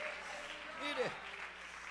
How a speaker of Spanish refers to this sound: Oh, yo no sé si usted está feliz con este Dios maravilloso, que pueda aplaudirle esta mañana y decir, Señor, gracias por lo que tú me has dado.